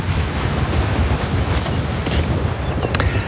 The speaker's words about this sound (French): Eh oui, rafale de vent.